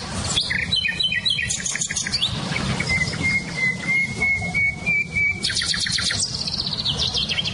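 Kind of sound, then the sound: bird, songbirds singing outdoors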